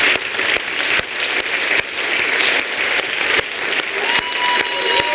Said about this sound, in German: Dankeschön. Vielen Dank und großen Applaus